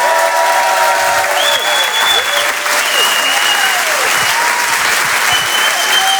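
Loud, sustained applause from a sizable comedy show audience after a stand-up comedian's set fills the whole stretch, a dense steady clatter of clapping with a few faint whoops and tonal sounds drifting through it.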